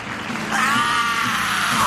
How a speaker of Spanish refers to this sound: Buen grito, hermano.